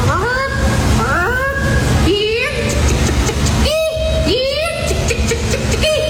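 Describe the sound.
A person imitates a chicken as the third-place entry in a chicken calling competition, letting out a run of loud, nasal squawks and clucks with sharp rising and falling pitch, about five calls in quick succession over a steady background din.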